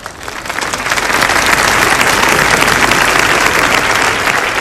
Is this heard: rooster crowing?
no